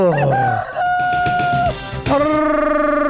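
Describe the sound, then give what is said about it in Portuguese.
A rooster crows loudly, two long harmonic cock-a-doodle-doo calls in quick succession, with no voices heard. “Então, galo, cantando!”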